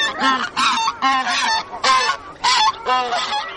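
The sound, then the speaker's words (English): Repeated loud, nasal honks from hundreds of geese on an Arctic lake, calling in quick overlapping bursts, with no other voices present. “Watching the spectacle on the lake are hundreds of geese, yellow-billed loons, and one of the most beautiful birds of the Arctic, king eiders.”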